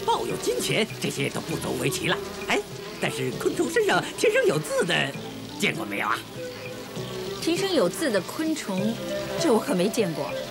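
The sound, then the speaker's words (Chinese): Kept honeybees buzz steadily throughout, a continuous droning hum that sits beneath voices talking back and forth at moderate loudness. “咦，那你看这只蜜蜂翅膀上有没有字？”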